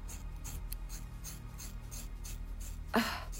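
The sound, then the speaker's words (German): Scissors cut through very thick, long hair in a series of crunchy, rasping snips at a steady rhythm, ending with one louder, sharper cut. No voices are heard. “Ich komme mit der Schere. Wir haben es gleich.”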